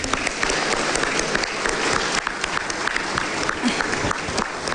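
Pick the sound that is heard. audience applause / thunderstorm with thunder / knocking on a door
audience applause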